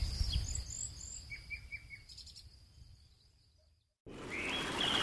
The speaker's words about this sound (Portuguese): Feche os olhos. Está a ouvir? Não é apenas o canto dos pássaros. É o som do amanhecer na Amazónia.